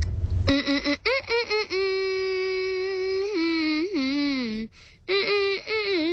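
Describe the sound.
Someone hums a pop tune in a loud, buzzy, nasal voice: a few quick choppy notes, then long held tones that slide up and down in pitch, with no talking.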